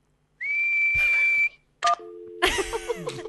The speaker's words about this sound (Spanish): Pero dime, ¿qué es silbar? Tienes que juntar tus labios y soplar. ¿Así?